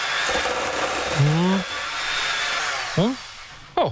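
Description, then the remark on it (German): A kitchen blender, in an NDR 1 Welle Nord radio spot, whirs loudly and steadily for about four seconds, with brief warbling, pitch-bending voice fragments swirling through the motor noise before it cuts off. “So, kurz in den Mixer.”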